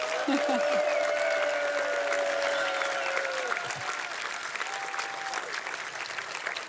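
Steady audience applause, a dense wash of clapping that holds at an even loudness for several seconds, with some whistling or cheering tones rising above it.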